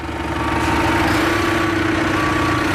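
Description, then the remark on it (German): A tractor engine runs at a steady, low idle as a woman in a women's tractor training course reverses it toward a machine she wants to hitch to it, its heavy rumble and even mechanical drone continuing unbroken, with no voices over it. “rückwärts mit einem Trecker an eine Maschine heran, die sie an das Fahrzeug hängen möchte.”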